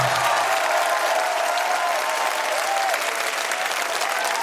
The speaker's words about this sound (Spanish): El aplauso doble para el autor